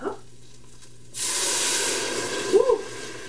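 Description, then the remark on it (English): After a second of near silence, a loud, bright hiss bursts up as water is poured into a hot pan while cooking with bouillon, sizzling steadily and slowly easing off, with a brief bubbling gurgle near the end. “So now we're gonna add the water.”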